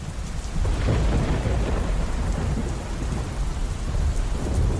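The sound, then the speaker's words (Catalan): Heavy rain pours steadily during a lightning storm while deep, rumbling thunder rolls continuously underneath, loud, with no voices present. “I és que mentre parlava amb la seva mare, un llamp va impactar directament a la línia telefònica.”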